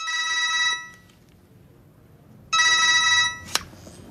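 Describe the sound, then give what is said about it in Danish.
A telephone rings twice, each ring a bright, buzzy electronic trill lasting under a second with a pause between, followed by a sharp click as if the receiver is picked up. “Men så ringer han så op igen.”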